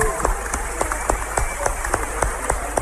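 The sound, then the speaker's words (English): A church audience claps for Jesus together in a steady, rhythmic beat, sharp repeated claps over a dense wash of many hands, fairly loud, with no talking. “Clap for Jesus.”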